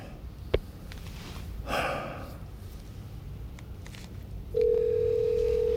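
A click and a brief rustling breath, then a steady, mid-pitched telephone tone sounds continuously for the last second, like a line signalling before voicemail. No one speaks.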